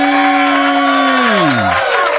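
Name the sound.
audience applause and cheering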